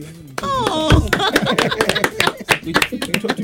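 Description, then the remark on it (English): An audience breaks into steady applause for a school celebrating its 65th anniversary, semi-finalists in the Love FM Culture Coaching Face High School debate: many hands clapping in a dense, irregular patter, with a voice calling out over the first moments. “Hey, you, please, you are not clapping.”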